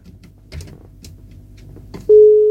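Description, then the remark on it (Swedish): Faint low rumble and a few soft clicks give way to a loud, steady, unbroken telephone line tone after a caller hung up, starting abruptly and holding to the end. “Nej, det var någon som försvann, men tack för beviset att telefonlinjen fungerar.”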